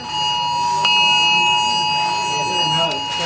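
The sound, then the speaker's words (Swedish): A harsh, steady electronic emergency alert tone blares from many mobile phones during a test alert, several layered pitches held unbroken for the whole three seconds, with a faint murmur of people underneath, in the queue for early voting at Östermalm library in Stockholm. “På Östermalms bibliotek i Stockholm i kön till förtidsröstningen tjöt och vibrerade många mobiler under testet.”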